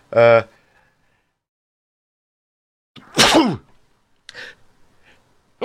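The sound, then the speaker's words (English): A single loud sneeze from a person sneezing live on air bursts out after a brief vocal sound and a pause, followed by a few faint breathy noises and rustles. “Excuse me, sneezing live on air.”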